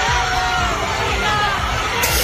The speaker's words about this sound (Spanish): Y ayer llegaban entre vítores y aplausos al aeropuerto asturiano los miembros de la selección de fútbol.